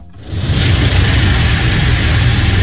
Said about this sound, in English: The loud and rhythmic sounds of car wash, soapy suds spraying and cascading down the car windshield, are a common refrain across Central Florida this time of year.